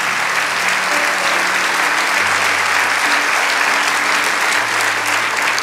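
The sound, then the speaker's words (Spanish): An audience at a church sermon applauds loudly and steadily for several seconds, a dense wash of clapping with low sustained tones held underneath. “Vamos, dale ese aplauso.”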